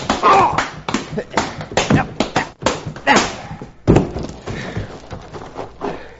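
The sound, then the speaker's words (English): A flurry of heavy fist punches lands on a man's chin in quick, uneven succession, each a dull smacking thud, mixed with strained grunts and scuffling from the people fighting. “I bruised my knuckles on this polecat's chin.”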